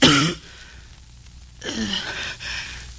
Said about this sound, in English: My trade is a fan painter. But I've been coughing so much lately, no one wants to employ me anymore. I spit blood on the fans.